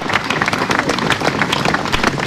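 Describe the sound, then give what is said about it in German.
A crowd applauds steadily after a music performance with a local ensemble in a monastery ruin, dense overlapping claps forming a continuous, fairly loud patter with no voices standing out. “Sie hören es, der Applaus zielt lange an.”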